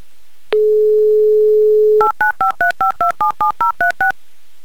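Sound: telephone dialing tones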